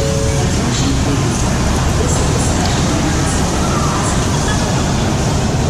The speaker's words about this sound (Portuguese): E depois de três proveitosos dias, nós arrumamos as malas e partimos para a Union Station, a segunda estação de trem mais movimentada da América.